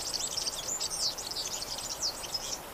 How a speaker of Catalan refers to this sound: Gafarró, Serinus serinus. Au amb tonalitats groguenques que viu tot l'any als camps i zones de conreu.